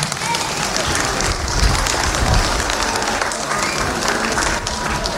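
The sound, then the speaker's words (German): Steady audience applause, a dense, continuous patter of many hands clapping, sustained at an even level for several seconds. “Dein Applaus.”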